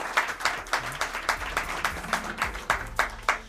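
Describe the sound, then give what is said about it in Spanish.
Applause from an audience for the program's sound technicians: a steady patter of many hands clapping, with dense irregular claps filling the whole stretch and no voices over it. “a quien pido también un aplauso para ellos.”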